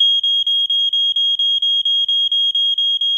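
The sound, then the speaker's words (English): A smoke alarm shrieks with a loud, steady high-pitched tone, pulsing in rapid regular bursts about four times a second, piercing with no voices around it. “Did you know you double your chance of surviving a home fire with a working smoke alarm?”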